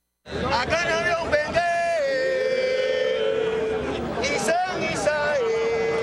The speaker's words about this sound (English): Cuban percussionist … chanting to a crowd in Africa that understands the words he's saying, because he's saying them in their language.